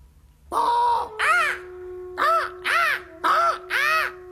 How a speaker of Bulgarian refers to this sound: Птица! Някаква. И тя отлетя.